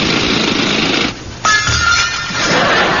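dental drill whirring

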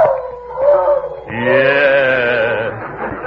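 dog howling

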